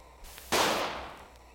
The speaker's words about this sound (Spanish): Ya merito le daba. Al cerro le pasó bien lejos el plomazo.